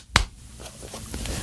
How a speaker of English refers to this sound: I don't know why I added clapping either.